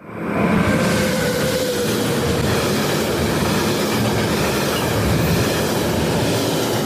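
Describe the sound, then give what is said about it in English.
A train rumbles steadily along the rails in a promo for the radio station Yass FM, loud and continuous, with a rhythmic clatter of wheels and a faint metallic whine running through it. No one speaks. “I do like that train promo.”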